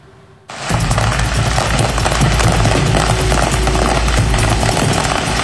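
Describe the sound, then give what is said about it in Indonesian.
A dense, continuous barrage of crackling pops and bangs erupts suddenly after a brief quiet moment as fireworks explode in a burning fireworks kiosk in Broken Arrow, Oklahoma, loud with a rumbling roar underneath. “Kebakaran kios kembang api di Oklahoma mencuri perhatian warga karena ledakannya seakan membuat pertunjukan kembang api di langit”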